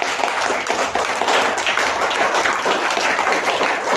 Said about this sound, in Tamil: இதுக்காக ஒரு கைத்தட்டு கொடுத்தலாமா?